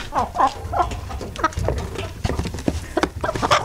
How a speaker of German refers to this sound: Wir spielen Ihnen nochmal alle drei Hennen vor. Und Ja? Sie müssen sagen, welche davon könnte denn die sein, die man preisbekommen hat. Also hier nochmal Henne Nummer 1.